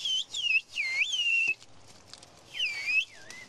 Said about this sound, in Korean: 아주머니가 휘파람을 부니까 저쪽에서 휘파람으로 답변이 왔습니다. 뭐라고 했는지 알 것 같습니다.